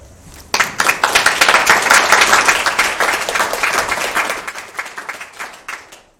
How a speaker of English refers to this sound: let's give a round of applause for Jiji for such a good message